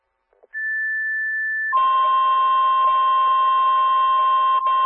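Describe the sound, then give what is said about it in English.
A City of Delavan fire dispatch alert toning out Engine 255 to respond to a fire alarm at 2141 East Geneva Street: a steady high pitched tone holds for about a second, then drops to a lower, buzzier sustained tone that continues loudly for several seconds, with no talking. “Engine 255, in City of Delavan tow alert.”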